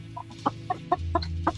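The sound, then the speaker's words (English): A chicken clucks in a quick series of short, moderately loud calls, with a steady low hum underneath and no one speaking. “The chicken is humanity's top source of meat protein today.”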